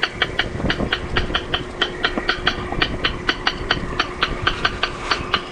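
Recorded rail calls play on a loop from a speaker on a platform at a playback station in a restored wetland, run from an audio device powered by a car battery: a long, steady series of sharp, dry clicking notes at an even rhythm, over a low rumbling background and a faint steady hum.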